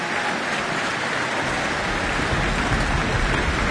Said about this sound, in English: Oh, and the orchestra is demanding an encore now. I can hear their feet banging on the stage floor.